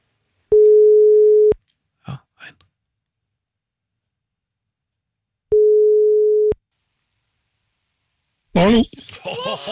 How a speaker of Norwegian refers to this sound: Det ringte bare en gang her, men greit nok.